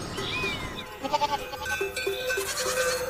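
A goat bleats with a quavering, wavering cry, followed by a few shorter bleats over a steady outdoor background hiss. No one speaks.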